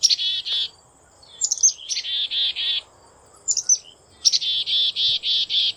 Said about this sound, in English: That's the familiar call of the black-capped chickadee. Throughout the year, the call of the chickadee acts as an early warning system. Their calls alert nearby birds when a screech owl has been spotted or when a Cooper's hawk is approaching.